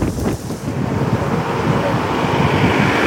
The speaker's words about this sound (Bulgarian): Силните пореви на вятъра докараха мръсният въздух и в столицата.